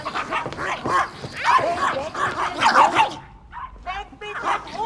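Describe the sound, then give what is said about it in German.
A dog barks rapidly and excitedly, a dense flurry of yaps and yips for about three seconds, followed by a brief pause and a few quieter sounds with a voice. “Passen Sie auf Ihren Hund auf!”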